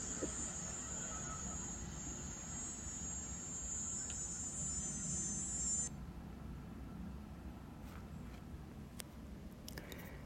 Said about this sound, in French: Tondeuse et cigale en accord.